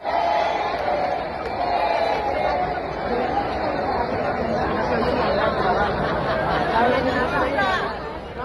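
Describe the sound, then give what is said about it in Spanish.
A concert crowd at the Ciudad de las Artes shouts and jeers in complaint about the lack of sound, calling out that it cannot be heard, a dense, loud wall of many voices calling out together, sustained and restless with overlapping yells and chatter throughout. “Este es el ambiente del concierto del viernes. El público gritaba que no se oye.”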